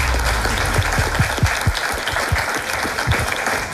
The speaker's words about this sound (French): On vous applaudit.